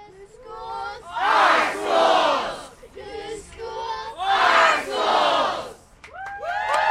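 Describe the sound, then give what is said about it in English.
Hundreds of parents and students chant together at a rally against Portland Public Schools' plan to close up to 14 schools, breaking twice into loud surges of cheering and shouting before the rhythmic unison voices resume, energetic throughout. “In between chants and cheers, students, parents, and teachers spoke to the crowd about how closures would affect the Portland community.”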